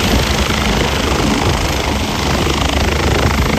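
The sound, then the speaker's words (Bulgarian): A medical helicopter (air ambulance), sent to a serious crash on a motorway, lands directly on the motorway to pick up an injured person. Its engine and rotor roar loudly and steadily, a dense, continuous whine and thrum with no pauses and no voices. “Заради тежките травми на пострадалите към мястото е изпратен медицински хеликоптер.”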